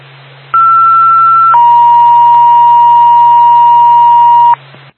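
Radio dispatch paging tones for the Twin State ambulance in Bethlehem: a loud steady tone that drops to a slightly lower held pitch, lasting about four seconds over a low background hum, with no talking.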